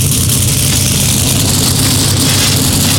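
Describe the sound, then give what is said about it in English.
The engines of 36 NASCAR Craftsman Truck Series trucks start up at Lucas Oil Indianapolis Raceway Park on a Friday night before a 200-lap race. A dense, steady, loud roar of many big engines rumbles together, with a strong low-end throb and a broad wash of noise above it, continuous throughout, with no voices. “The sound of 36 NASCAR Craftsman Truck Series machines coming to life, getting ready for 200 laps of racing on a Friday night.”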